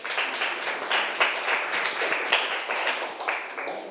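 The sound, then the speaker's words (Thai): A class of students applauds, at the teacher's request, a classmate who has just presented on quartiles and the median: a dense, steady patter of many hands clapping at fairly even loudness for about four seconds, with no voices over it. “ครับปรบมือให้เพื่อนหน่อยครับ”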